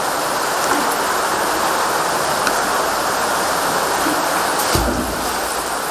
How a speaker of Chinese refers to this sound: 这是流水，所以在这边潮湿比较强烈，向下潮湿。你看这边都是大量的这个河床冲击的，你看到这边这个水潭的话，河床冲击的给冲走了，水流的比较急，